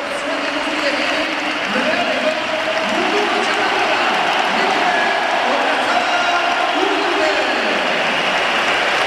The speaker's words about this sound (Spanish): ya te puedo anticipar y lo estáis oyendo, que se va a pitar la salida de Mikel Oyarzabal y se van a mezclar aplausos y pitos, unos que vienen del fondo, otros de los asientos. Sale el campeón del mundo. Yo creo que más aplausos, ¿eh? Muchos más.